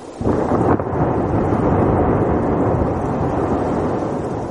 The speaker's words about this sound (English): This is an incredible sound. It sounds like thunder and rain, right? It's actually a glacier calving. Humongous chunks of ice are breaking off the glacier and cascading into the ocean. And the rain-like sound is waves.